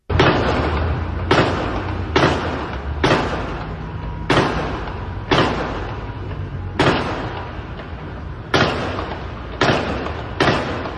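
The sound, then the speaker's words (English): About ten sharp gunshots crack out at irregular intervals, each ringing into a long echoing tail that fills the gaps between shots; no voices are heard. “So I think I counted 10 gunshots there.”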